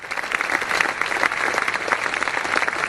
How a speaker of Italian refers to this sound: Applauso!